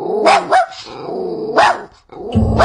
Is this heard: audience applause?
no